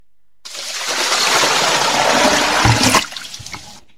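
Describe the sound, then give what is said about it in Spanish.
A loud, sudden rush of water pours and splashes for a few seconds as a bucket of cold water is thrown over someone, then breaks off abruptly with a few scattered drips and spatters trailing after. No voices are heard. “Al parecer, alguien le echó un balde de agua fría a la zombie pestilente.”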